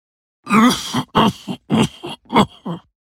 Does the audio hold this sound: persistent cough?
yes